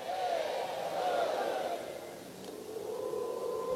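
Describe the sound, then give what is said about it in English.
A large college baseball crowd at Baum-Walker Stadium chants the Woo Pig Sooie call in unison during a mound visit by the Sooners' coach, a loud sustained roar of many voices that swells, dips briefly, then rises again. “And that will get this Bomb Walker Stadium crowd into the Woo Pig Suey chant.”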